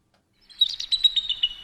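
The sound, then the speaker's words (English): A bird chirps in a quick run of bright, high tweets, about eight notes in steady rhythm, clear with no other sounds around it. “These are just bird sounds.”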